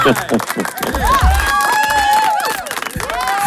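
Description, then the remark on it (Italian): A studio audience claps and cheers together for the Atalanta fans, steady and loud throughout, with rising whoops and a drawn-out whistle riding over the dense wash of applause. “Allora, questo è l'applauso, ma soprattutto anche a coloro che hanno queste meravigliose idee.”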